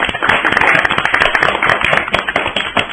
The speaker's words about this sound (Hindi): बहुत ही प्यारी कविता सुनाई आपने, इनके लिए भी जोरदार तालियां हो जाए बच्चों।